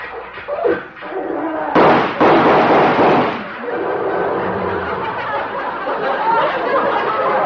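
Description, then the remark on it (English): An old tractor engine chugs along with a rough, noisy rumble, breaking into a loud sputtering burst of backfires partway through before settling back to a steady clattering drone. “He's come over to see me in this tractor.”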